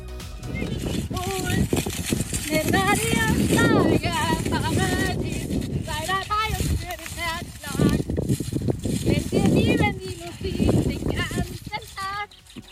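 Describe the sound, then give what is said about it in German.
A woman sings in wavering, unsteady phrases while galloping on horseback over rapid hoofbeats, while strong wind, which feels like force 10, buffets the microphone with a loud, constant roar throughout. “Sie ist beim Singen gleichzeitig auf dem Pferd galoppiert und das gefühlt bei Windstärke 10 hat dann so geklungen.”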